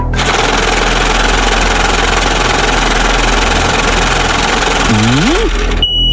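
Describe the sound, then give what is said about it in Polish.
A lottery drawing machine, started to draw three letters of a Polish car registration, churns with a loud, steady mechanical whirring and rattling for about six seconds as its balls tumble, with a brief warbling tone near the end before it cuts off. “No, kierowniczko, odpalaj maszynę losującą.”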